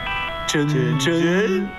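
A phone ringtone plays a melodic tune, fairly loud and close, with sustained tones that shift in pitch like a sung melody, continuing steadily without pause.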